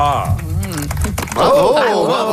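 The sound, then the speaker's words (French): A few scattered, light handclaps of polite, golf-style applause patter softly and sparsely while several voices talk over them, the clapping thin and restrained rather than a full ovation. “Il y avait des applaudissements de golf.”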